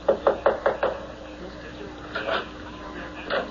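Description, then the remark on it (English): A quick, even series of five sharp knocks on the wooden front door of a house, fairly loud, followed by a pause and a faint, muffled voice from inside. “I found out where his house was. And I just walked up to the front door.”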